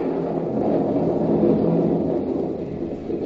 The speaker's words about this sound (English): Not with all this rain coming down. Yeah. Oh, it's really pouring now, isn't it?